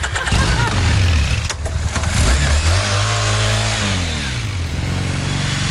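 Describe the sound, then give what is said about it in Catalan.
A motorcycle engine revs loudly, its pitch climbing and falling in repeated surges over a steady rumbling idle, with no voices. “Déjame subir en la moto.”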